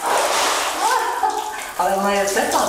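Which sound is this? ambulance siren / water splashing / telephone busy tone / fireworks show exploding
water splashing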